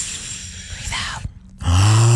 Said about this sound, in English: Take a deep breath in. Why is your deep breath in noisy? Because I was doing it for dramatic effect. Oh, okay. Because we're on the radio, so they can hear it.